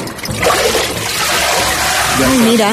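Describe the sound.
A papermaking mould, a sieve-like frame with a filter, is dipped into and lifted from a pulp vat. Water splashes and streams off it in a steady rush as it filters out, leaving a layer of pulp on the mould. A voice speaks briefly near the end.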